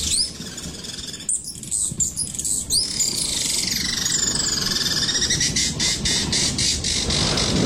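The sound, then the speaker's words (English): A recording of bird calls plays on its own: shrill, rapid squawks and chirps with repeated sweeping high notes, fairly loud and continuous throughout, with no one speaking. “So, just play a bird noise.”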